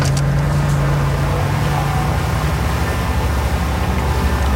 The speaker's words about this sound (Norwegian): Jeg satt egentlig bare og ventet på at når båten gikk ned, kommer motoren I gang nå. Startet motoren. Men heldigvis gjorde han det.